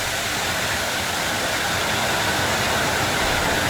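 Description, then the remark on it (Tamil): Steady, dense hiss of heavy rain pouring without a break, a broad even wash of sound with no voices and no changes in intensity across the few seconds. “இந்த மழை சத்தம் அப்படின்றது நமக்கு ஒரு பெரிய அமைதியை கொடுக்குங்க.”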